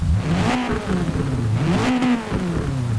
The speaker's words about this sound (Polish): Na dźwięk silnika, który stał się zdecydowanie bardziej agresywny niż wcześniej.